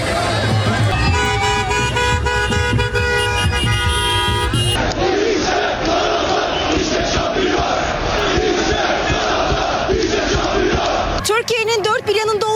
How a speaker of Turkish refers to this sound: Kayseri'de meşaleler yandı. Taraftarlar Galatasaray lehine tezahüratlar yaptı.